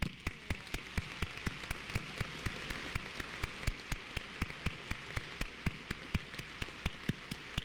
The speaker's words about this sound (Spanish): Felicitamos a todos los papás aquí presentes con un fuerte aplauso.